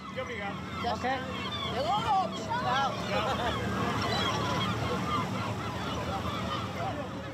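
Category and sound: bird, seagulls calling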